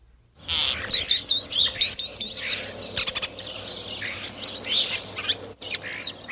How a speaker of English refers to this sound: That was last week's mystery bird, the European starling. Starlings are ubiquitous in cities, and St. John's is no exception.